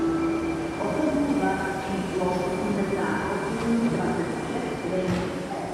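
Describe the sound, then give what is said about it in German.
Busy, full evening pub ambience inside Masarykovo Nádraží, a train station in central Prague, Czech Republic, with young and old locals at the tables: a steady, fairly loud murmur of many overlapping voices mixed with low rail rumble, continuous throughout with no pauses. “Eine Kneipe im Masarykovo Nádraží, einem Bahnhof mitten in Prag.”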